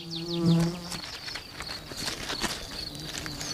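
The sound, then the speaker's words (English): A mason bee buzzes, swelling loudly for about a second before drifting away, while faint high chirps and outdoor ambience carry on in the background. “And for this mason bee, that could spell trouble.”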